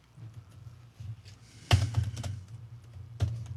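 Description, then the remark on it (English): Someone types on a computer keyboard, entering the Bible verse Jeremiah 16:16 to look it up: a scatter of soft key taps with two louder, sharper keystrokes standing out, over a low background hum. No one speaks. “I'm just typing it in here, and we'll take a look.”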